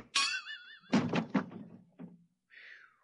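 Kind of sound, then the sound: impact, hammer blow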